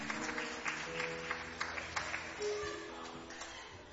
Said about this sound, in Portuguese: Pode bater as palmas, bem alegre para Jesus.